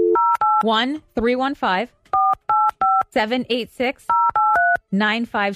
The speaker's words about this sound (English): Should we call the number and see what happens?